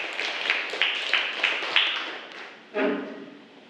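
A group claps together in a quick, fairly even rhythm of sharp slaps for a few seconds, then the clapping trails off. No one speaks over it.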